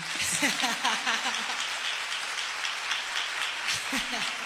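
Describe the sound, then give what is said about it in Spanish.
An audience applauds steadily, a dense, even wash of many hands clapping for several seconds, with brief bits of voices mixed in underneath. “Siempre es bonito que ustedes aplaudan.”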